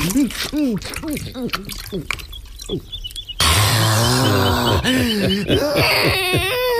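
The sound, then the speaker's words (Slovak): Water pours steadily and splashes, overflowing over the top of a barrel as a man fills it with water for the night, a loud rushing that starts partway through and continues to the end, with voices talking over it throughout. “Veď vám už zo súdka vrchom preteká.”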